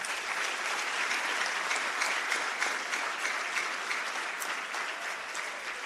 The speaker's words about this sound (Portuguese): Temos um Estado soberano e a consciência de pertencermos a uma mesma pátria, do Ruvuma ao Maputo, do Índico ao Zumbo, graças a estes jovens, a quem eu peço uma grande salva de palmas.